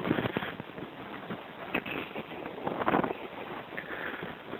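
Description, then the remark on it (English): Gusty wind buffets the microphone, producing a steady rough rumble with louder bursts and crackly flutters rising and falling throughout; the temperature has just dropped about 15 degrees; no one speaks. “It's windy, but and the temperature, I think, just dropped about 15 degrees.”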